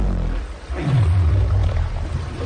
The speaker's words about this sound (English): Above and below the surface, the broadcast dives deep into the fishery, ocean science, and how orcas and humpbacks like these guys communicate.